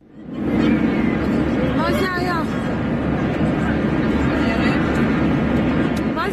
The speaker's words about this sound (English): Videos widely circulating on social media are helping us piece together what happened on that flight before its unscheduled landing in Saudi Arabia. This is said to be the moment the plane took a rapid plunge.